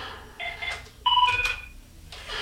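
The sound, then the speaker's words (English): A telephone at radio station KKEP rings during a live broadcast with short electronic tonal trills, two quick bursts of warbling beeps at moderate volume, with no talking over them. “And the phone's ringing, so obviously I can't answer it since I'm on the air, but I'll try to do it as soon as I can.”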